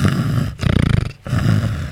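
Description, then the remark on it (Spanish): A voice imitates loud snoring: a rough, rattling low snore, a brief pause, then a second pulsing, vibrating snort and another long raspy snore, with no words spoken. “¿Roncáis así?”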